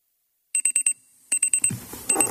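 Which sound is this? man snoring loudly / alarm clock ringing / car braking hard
alarm clock ringing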